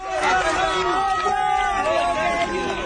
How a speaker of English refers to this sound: Onlookers cheer as emergency workers carry the 21-year-old man out on a gurney.